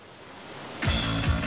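waterfall rushing water

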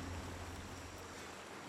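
river water flowing

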